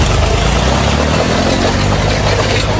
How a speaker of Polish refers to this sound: Ciągnikiem zaorał świeżo wylany asfalt. Dziś zostanie przesłuchany. Rolnik zniszczył ulicę Rybacką w Gliwicach. Film z orania asfaltu trafił do sieci.